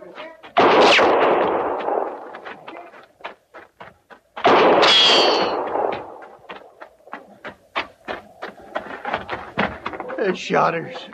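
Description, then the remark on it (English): Two loud, booming gunshots, a man shooting a horse, about four seconds apart, each trailing off in a long rumbling decay, followed by a quick scatter of shorter, sharp cracks and clatter. “No reason for him shooting a horse.”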